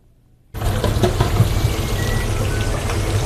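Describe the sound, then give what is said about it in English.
A sudden, loud burst of crackling sizzle starts after a brief silence, then carries on steadily as chips fry in hot oil in busy deep fryers at a London chip shop at lunchtime, dense and hissing like heavy rain. “It's lunchtime at the Fryer's Delight, and the fryers are delightfully busy.”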